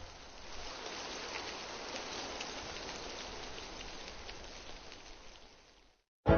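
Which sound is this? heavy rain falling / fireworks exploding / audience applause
heavy rain falling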